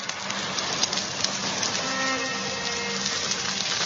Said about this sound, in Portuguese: Só se ouvia o barulho das chamas da grande fornalha. Olhem, escutem o crepitar das chamas desta grande fornalha.